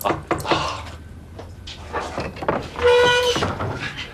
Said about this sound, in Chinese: 谁呀？ 开门啊，是我。